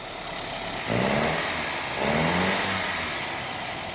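A complete 1300 cc car engine, with radiator and exhaust fitted, idles in a workshop with a steady rumble, then is revved twice in quick succession, each burst swelling louder before dropping back to idle. No voices are heard.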